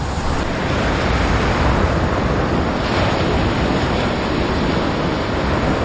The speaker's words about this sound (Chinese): 这里狂风呼啸，风速通常可达每小时110公里。